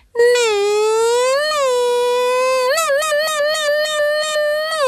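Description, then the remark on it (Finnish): A voice imitates a Formula One car, holding a high, nasal engine whine that slides in pitch, then breaks into rapid pulsing revs like gear shifts, loud and continuous for about five seconds. “Tee vielä se formula-ääni.”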